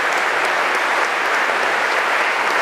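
Sustained, dense applause from a large audience in Holmens Kirke church for Concerto Copenhagen under Lars Ulrik Mortensen after a concert, steady and loud throughout with a reverberant, roomy quality; no voices stand out.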